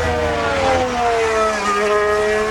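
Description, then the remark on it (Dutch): Loud Formula 1 engine recorded onboard Nico Hulkenberg's Audi during Friday running, a steady high-pitched whine that sinks gradually in pitch as the car slows, with no voices over it. “Hier zijn we aan boord bij iemand die we eigenlijk nog niet heel veel gezien hebben.”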